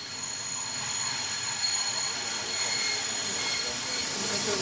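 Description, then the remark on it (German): A steam locomotive train pulls into Offenburg station on a December morning, with a steady loud hiss and rumble under high, sustained squealing of wheels or brakes. “Kaum steht die Bahn, umringen die Fotografen und Filmer ein ihnen bisher unbekanntes Feuerross.”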